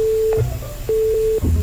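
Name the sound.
phone ringback tone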